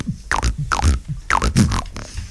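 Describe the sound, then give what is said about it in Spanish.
A voice beatboxes a steady groove, alternating deep kick-like thumps with sharp, hissy snare bursts in a repeating pattern, loud and with no talking over it. “¿Usted le hace el beatbox?”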